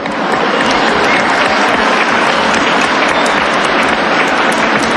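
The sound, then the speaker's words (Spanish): Sustained audience applause, a dense wash of many hands clapping steadily and loudly for several seconds without letting up, with no voices standing out above it. “Un aplauso, por favor, a ellos.”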